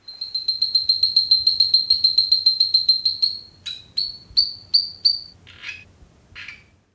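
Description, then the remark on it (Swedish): High-pitched mating calls of male coffee frogs, a newly described species under 4 cm long that sits on coffee bushes at night, made by inflating the throat to attract females: a rapid, evenly pulsed trill of sharp tonal notes, then several separate chirps and two buzzier rasping calls over a faint low rumble. “Den mindre än 4 centimeter långa grodan har fått smeknamnet kaffegrodan, eftersom den ofta sitter på kaffebuskar på nätterna där hanarna lockar på honorna med högfrekventa läten som skapas när de blåser upp strupen.”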